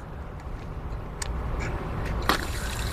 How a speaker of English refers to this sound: And now we have water.